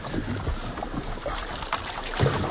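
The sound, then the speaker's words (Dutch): Water sloshes and splashes as a canoe paddle dips in at irregular intervals, a few soft strokes over a steady watery hiss, with no one talking. “Ik stel voor dat jij gaat gewoon zitten en ik peddel.”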